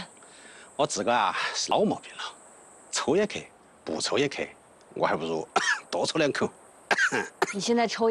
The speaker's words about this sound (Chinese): 你现在抽烟咳嗽，就是你的身体在警告你，受不了喽。